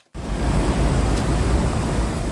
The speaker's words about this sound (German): So klingt sie, die Abkühlung. Eine Sprinkleranlage sprüht feine Wassertropfen auf alle, die vorbeikommen. Kurtyna Wodna heißt das in Polen, wörtlich Wasservorhang. Sie sind an beliebten Plätzen und in Fußgängerzonen zu finden.